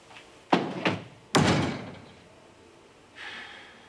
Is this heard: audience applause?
no